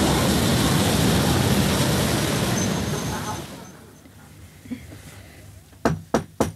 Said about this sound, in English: Oh, that sounds like the train now.